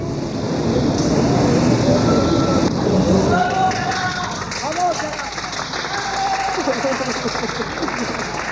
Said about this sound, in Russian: Вы услышали аплодисменты и выкрики «Браво, Каллас!». При первом просмотре этих кадров меня покоробило, и я подумал, какое кощунство.